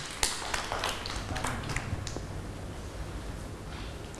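A group of children claps their hands in a scattered, uneven burst that thins out after a couple of seconds, leaving soft room noise. The clapping is fairly quiet and sounds slightly distant.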